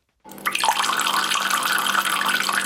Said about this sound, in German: Im Moment sprudelt das Wasser noch aus den Quellen zu Wittnau, aber eben immer weniger.